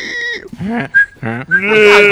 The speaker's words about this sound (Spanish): Uy, sonó la vaca, miren quién llegó. Y el chivo también.